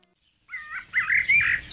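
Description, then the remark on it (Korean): After a brief silence, a black-naped oriole sings a few clear, fluting whistled phrases, fairly loud, over a soft low rumble of background noise, on Udo, a small island off Goheung, South Jeolla Province, South Korea. “전라남도 고흥 앞바다의 작은 섬 우도에서 들려오는 꾀꼬리입니다.”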